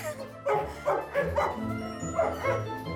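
A dog in a kennel barks and yips excitedly on seeing people, wanting to get out, in a quick series of sharp barks, about five bursts over a few seconds, with a faint background murmur.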